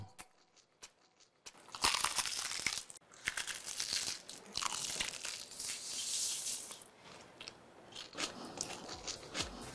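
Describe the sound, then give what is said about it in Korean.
A loud crunch of biting into crispy fried chicken from 크크크 치킨 (Kkk Chicken), followed by several seconds of dense crackling chewing with sharp, irregular crisp bursts and no talking. “입혀 크런치하고 크리스피하다. 크크크 치킨 바삭함의 끝판왕.”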